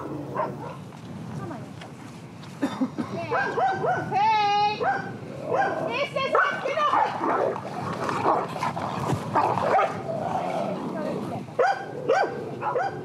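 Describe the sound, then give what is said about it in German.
Two female dogs, a young dog and a somewhat older dog, both quite dominant, bark, yelp and snarl at each other in a noisy squabble over rank order out on a pasture, with high whining yips and rapid overlapping barks throughout, under a steady background din. “Zwei Diven, die sich hier nicht einig werden können. Ein Junghund, ein etwas älterer Hund, beide recht dominant, zwei Hündinnen.”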